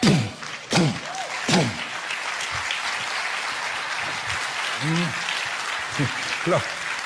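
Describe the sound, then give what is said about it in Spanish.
A crowd applauds with steady, dense clapping across the whole stretch, while a man's voice cuts in with short phrases over the top. “Los que están aplaudiendo son los que lo pescaron.”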